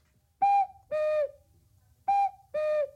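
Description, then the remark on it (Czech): A cuckoo clock calls two times, each call a pair of reedy, whistle-like notes with the second lower than the first, loud and clear over a faint low rumble with no talking. “Jo, proč kukají, tatí?”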